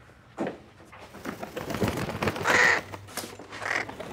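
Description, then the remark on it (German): A crow caws several times, harsh, raspy calls spaced irregularly, fairly loud, with a low background rumble between them. “Das ist doch eine Krähe drin!”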